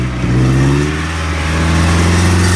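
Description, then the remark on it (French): A trike engine revs loudly in the morning at 8:24, its deep, steady drone climbing slightly in pitch as it pulls away, with no voices over it. “Ce bruit de moteur qui fait plaisir dès le matin à 8h24.”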